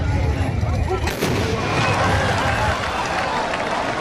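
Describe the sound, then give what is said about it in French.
A loud, sharp volley from the large traditional gunpowder muskets of tbourida horsemen in Morocco cracks out about a second in, over a dense, steady roar of crowd noise and rumbling hoofbeats, with voices mixed in. “À chaque coup, ça nous fait vibrer.”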